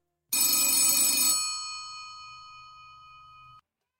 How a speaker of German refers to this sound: Und eine halbe Stunde später klingelt bei der Polizei in Wailea das Telefon.